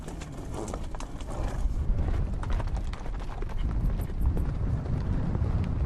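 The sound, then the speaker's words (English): Horse hooves clip-clop in a steady, continuous rhythm over a rough, wind-buffeted outdoor background, consistent in loudness throughout, with no voices. “Mongolians spend a great part of their lives on horseback.”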